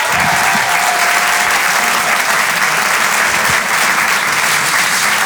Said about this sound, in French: Faites du bruit s'il vous plaît et un tonnerre d'applaudissements pour Sébastien Marx.